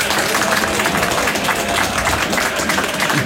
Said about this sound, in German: was du wahrscheinlich nicht weißt, ist, dass Tausende am Radio zu hören, aber 10.000 Menschen hier im Studio sind, die dir für deine Reportage jetzt gratulieren werden durch einen Applaus.